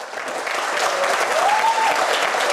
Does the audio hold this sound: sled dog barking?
no